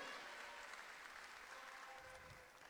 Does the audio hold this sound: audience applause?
yes